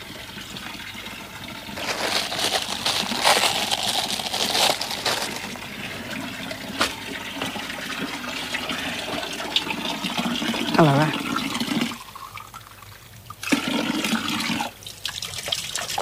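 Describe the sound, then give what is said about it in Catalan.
Steady gushing of cool water from the Font Nova fountain pours into a small glass, its pitch rising as the glass fills, with a brief pause near the end and a few quiet words spoken. “Toca madera i si li sembla anem a tocar un poquet l'aigua, jo tinc ganes.”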